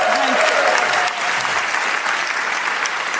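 Steady audience applause fills the space, dense clapping from a sizable crowd at a consistent loud level, with a brief voice or tone faintly audible at the very start.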